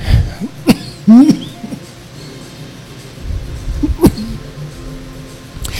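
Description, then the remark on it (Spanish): A few sharp coughs from one person, two near the start and another a few seconds later, with quiet background noise in between. “La verdad que la he pasado bastante bien hoy comparado con días anteriores, con lo de la tos, ¿no?”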